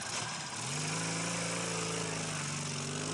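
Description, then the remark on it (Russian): A motorcycle with a sidecar, carrying Kazadoev and Gorbunkov in the sidecar, drones along as it turns first toward black stones and then turns back toward a white cliff. Its engine settles into a steady, buzzing hum after a brief moment and holds at a constant pitch, with no talking. “Мотоцикл с Казадоевым и Горбунковым в коляске поворачивает сначала к черным камням, потом разворачивается к белой скале.”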